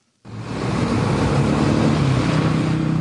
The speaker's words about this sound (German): Ein riesiges Gelände, etwa so groß wie 6000 Fußballfelder. Baumaschinen ebnen den Boden, es ist heiß, Staubwolken wehen durch die Luft. Lastwagen transportieren Steine und Schotter.